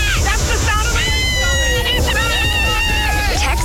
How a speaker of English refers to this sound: But that's a water park. It's so much fun.